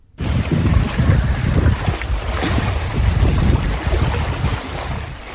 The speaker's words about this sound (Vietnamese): Trên nền trời trong xanh như ngọc và tiếng sóng biển rì rào